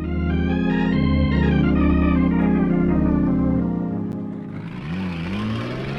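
Loud pickup truck engines roar and rev steadily as two trucks race on hilly roads, their pitch climbing and shifting before the sound thins out into a rougher, whining acceleration near the end. No one speaks.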